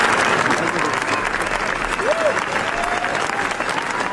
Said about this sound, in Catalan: Una ovació de 15 minuts, eh? De 15 minuts. Jo he vist les imatges i ja podeu escoltar, no?